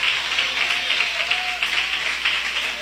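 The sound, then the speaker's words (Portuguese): An audience claps their hands together in praise of Jesus in a steady, dense wash of applause, loud and sustained throughout, with no talking over it. “Podeis assentar, meus irmãos, e louva a Jesus com aquelas palmas bem forte e bem alegre, em nome de Jesus.”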